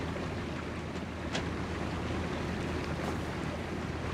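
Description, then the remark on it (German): A steady wash of water and rumbling engine noise of a boat with two people aboard moving over gentle waves, with a soft wind-like hiss throughout and no voices. “Naja, zwei Menschen allein auf einem Boot.”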